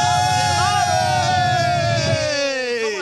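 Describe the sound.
An audience claps and cheers in a steady, dense wash of noise for about three seconds as a guest of a show is introduced, with a sustained whooping voice sliding slowly downward in pitch above the crowd.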